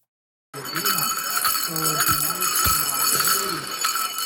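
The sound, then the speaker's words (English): Many small metal bells on a jingle dress, a piece of Indigenous regalia, jingle and shimmer continuously, a bright, dense metallic rattle held at steady loudness, with wavering voices faintly underneath. “Those are the sounds of some bells on a jingle dress.”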